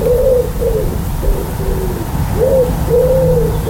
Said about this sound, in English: Yeah, that wood pigeon. Pesky little bird.